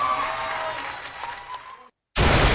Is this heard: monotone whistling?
no